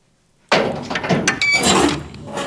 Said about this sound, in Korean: 갑자기 끼익 소리가 나며 뒤에서 문이 열렸다.